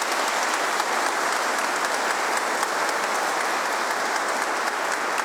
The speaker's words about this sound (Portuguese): Então, agradecemos aí o pessoal da Desatadora dos Nós, vamos dar uma salva de palmas para eles, né?